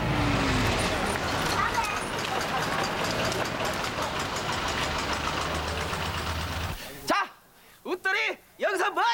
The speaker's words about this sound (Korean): 저 버스 왔다. 타자.